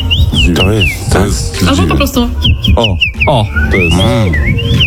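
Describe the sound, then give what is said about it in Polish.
A common rosefinch sings a series of clear, sweet whistled phrases with rising and falling slurred notes, repeated several times over a busy background with voices and other noise. “Oj, to jest dziwoń.”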